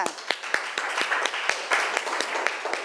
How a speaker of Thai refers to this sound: ปรบมือดังๆ